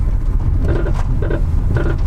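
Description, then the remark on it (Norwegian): A faulty car that would not pass EU roadworthiness approval: a steady low engine rumble, with a squeaky, whining catch that comes back about every half second, fairly loud. “Hører vi en bil som ikke blir EU-godkjent?”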